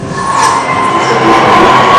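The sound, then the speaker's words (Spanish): A large crowd in São Paulo, Brazil, cheers and roars at each rise in Lula da Silva's election results, in a dense, continuous wash of noise, holding a steady loudness throughout with no clear pauses or individual voices standing out. “Acá Paola se grita como un gol cada aumento de un punto o de medio punto por parte de Lula da Silva acercándose a Flavio Bolsonaro.”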